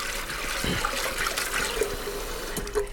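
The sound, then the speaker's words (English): Steady running and sloshing water as pre-soaked chana dal is rinsed and swirled by hand, with soft swishing and small splashes throughout; no one speaks. “We're just going to give a rinse to the pre-soaked chana dal to make sure it's all cleared out.”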